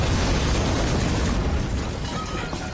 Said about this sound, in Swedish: Den dagen hördes explosionen över hela Stockholm.